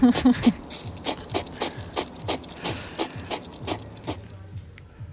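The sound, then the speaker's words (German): A hedgehog snorts and huffs, a dozen or so short, sharp bursts in an uneven rhythm with brief pauses between them, and no voices. “So, hier haben wir einmal noch, können wir uns einmal noch kurz den Igel anhören, wie er manchmal bellt und schnaubt.”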